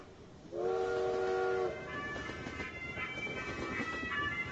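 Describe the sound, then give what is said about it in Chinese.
A loud steam whistle sounds for about a second with layered harmonic tones, followed by the steady rumble and clatter of a moving train, ridden in 1962 after the Spring Festival toward Xining railway station, with fainter whistle tones continuing over it. “1962年春节后，我一个人坐上了火车。”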